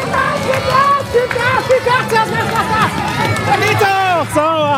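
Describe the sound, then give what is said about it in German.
A loud, dense crowd cheers and shouts continuously, many high excited voices overlapping, spectators cheering on the finish of a children's balance-bike race on the market square in Borken. “hat da mal sein Mikrofon reingehalten und einen Zieleinlauf mitverfolgt.”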